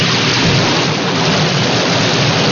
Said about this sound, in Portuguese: Essa aí é aquela chuva que cai de pé e corre deitado, viu?